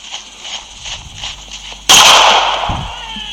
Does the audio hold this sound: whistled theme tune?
no